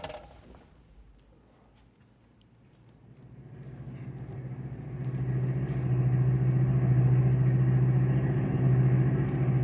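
A car engine hums low and steady, growing louder after a few seconds as the vehicle picks up speed and keeps driving with a sustained rumbling drone.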